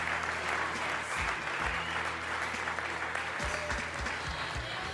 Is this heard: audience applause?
yes